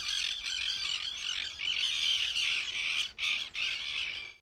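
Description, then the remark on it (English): Dense chorus of birds squawking and chattering continuously at Attenborough Nature Reserve, Nottingham, seen across the lake from a balcony, with brief pauses near the end; harsh, busy calls fill the outdoor scene with no one speaking. “I'm not sure if you can hear the birds. Let me just stop talking a minute, see if you can hear them.”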